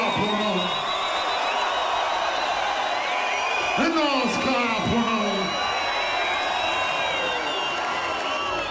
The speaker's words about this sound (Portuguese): Para delírio da plateia que está completamente cheia e que não arredou pé desde o início do concerto.